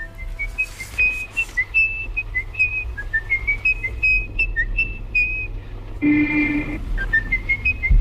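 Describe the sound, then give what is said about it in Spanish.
A lone person whistles a steady, stepwise melody from a film, of short and held notes, over a constant low hum, with a brief noisy burst interrupting near the end. “Es el silbido del asesino de niños de M, el vampiro de Düsseldorf, interpretado por Peter Lorre, que silba esta melodía antes de cada asesinato.”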